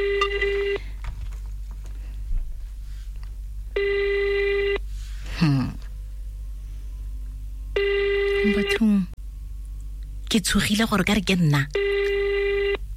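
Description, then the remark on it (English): A phone call from the radio station Yarn FM to a lucky winner rings out on the line, steady ringback tones repeating about every four seconds with silence between, while voices briefly murmur and exclaim in the gaps. “Oh my goodness, why are they not answering? Hello?”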